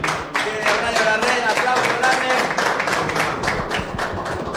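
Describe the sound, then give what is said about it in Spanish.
A small group claps steadily and loudly for several seconds, dense overlapping hand claps, with some voices mixed faintly underneath; applause for Messi. “Aplauso para Messi, señoras y señores.”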